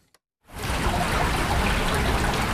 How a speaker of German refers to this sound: Friedlich plätschert die Erft mitten durch die Altstadt von Bad Münstereifel. Wände aus grauem Naturstein leiten den Fluss in sein kanalisiertes Bett.